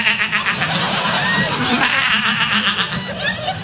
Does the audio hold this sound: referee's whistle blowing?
no